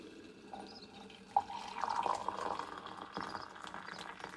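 Freshly boiled water is poured steadily over apple peels to make apple-peel tea, a continuous splashing trickle that begins with a small clink and runs for a few seconds with no talking.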